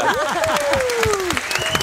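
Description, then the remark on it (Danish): An audience at the show Monopolet claps steadily for about two seconds, a dense patter of overlapping hand claps, with voices and a high sliding whoop rising above the applause. “Hver gang folk de klapper af mig, så bliver jeg ved.”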